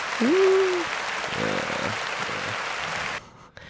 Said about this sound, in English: And then I'm going to play some applause because this is the Flyover State.